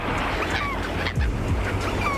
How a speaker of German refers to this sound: Die Möwen über euch, der weiße Sandstrand unter euch. Ihr hört das leise Rauschen des Meeres.